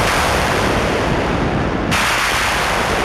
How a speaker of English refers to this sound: And so this one, starts with these sort of synthesized thunder sounds. And it's a callback. Clouds, rain, monsoon. He's translating it in this electronic context.